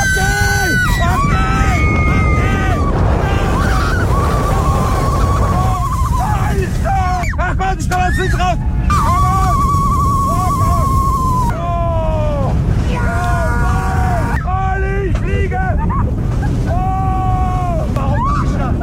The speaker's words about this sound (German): beim Achterbahnfahren. 130 km/h mit dem Silver Star im Europapark Rust. Hört's mal.